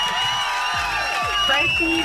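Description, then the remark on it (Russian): A dense burst of crowd applause and cheering on Europa Plus radio, loud, with whoops and shouting voices rising over a steady wash of clapping throughout. “И эти аплодисменты для тебя.”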